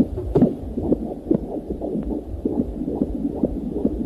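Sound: fetal heartbeat on ultrasound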